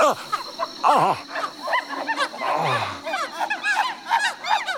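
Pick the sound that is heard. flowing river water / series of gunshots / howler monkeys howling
howler monkeys howling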